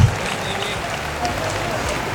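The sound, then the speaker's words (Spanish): Loud, dense applause from a crowd, given to the king, a steady wash of many hands clapping that holds at an even level for about two seconds. “Ese aplauso fuerte al rey.”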